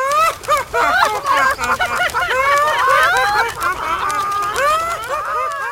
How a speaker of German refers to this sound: Blöde Flatterhühner. Nur weil ihr nicht fliegen könnt.